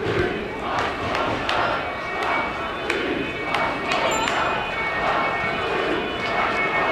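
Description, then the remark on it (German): A large protest crowd boos police steadily and loudly at the Nina Menos Platz near the crossing of Stauffacher Straße and Langstraße, a dense roar of voices broken by sharp scattered bursts and a brief high whistle. “Ich hoffe, man hört es gut genug, aber die Bullen werden hier gerade ausgebuht beim Nina Menos Platz.”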